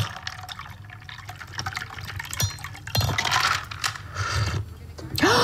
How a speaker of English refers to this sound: And then you're gonna pour into your cocktail glass, and we're gonna garnish this with mint and rose petals.